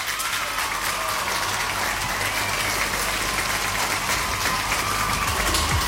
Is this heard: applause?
yes